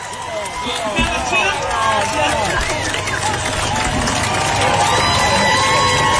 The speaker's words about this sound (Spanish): el público aplaude porque paró el show, y a ver si escuchamos lo que dice.